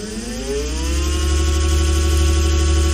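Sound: electric scooter whirring past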